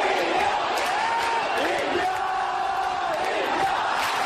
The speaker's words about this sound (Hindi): और सबसे बढ़कर स्टैंड्स में उमड़ते वो दर्शक जिनकी तालियों से खेल में जान पड़ती है।